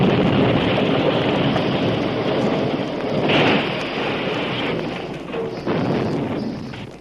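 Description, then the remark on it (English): A massive, roaring crash of two locomotives colliding head-on, heard as a dense, loud wall of rumbling noise that swells and churns for several seconds with no voices. “Even before he hit the ground, he was almost deafened by the tremendous crash as two locomotives met head-on.”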